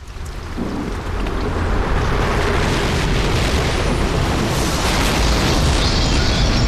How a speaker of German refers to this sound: Ah, sagt euch da mal, mein Dach hat's jetzt gerade weggerissen.